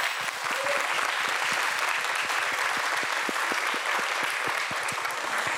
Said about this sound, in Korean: 그 뜨거운 날씨 속에서도 오늘 이 무대를 위해 누구보다도 열심히 준비해온 여섯 팀 모두에게 따뜻한 격려의 박수 한번 보내주시기 바랍니다.